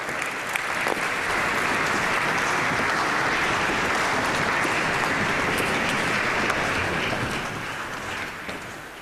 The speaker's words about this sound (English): Un bel applauso alla Limburg Cathedral Choir, appunto da Limburg in Germania. An applause to the Limburg Cathedral Choir from Limburg, Germany.